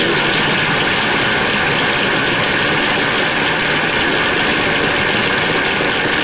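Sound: car engine idling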